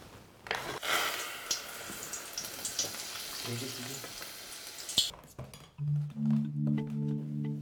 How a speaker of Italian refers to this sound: infarinando palline d'uovo, erbe e parmigiano che al solo guardarle scatenano la mia acquolina. Anche il loro destino dorato è una frittura croccante.